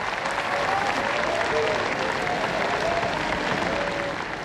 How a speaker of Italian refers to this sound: hanno portato alle stelle gli applausi dopo il terzo atto, decretando un vero trionfo all'ardito lavoro di Diego Fabbri.